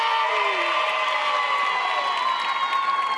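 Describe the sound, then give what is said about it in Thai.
A crowd cheers and applauds for Natalia Pliacam in a steady, dense roar that holds at an even loudness throughout, with high voices whooping and shouting over the clapping. “ขอเสียงปรบมือให้กับคุณนาตาเลียเพลียแค”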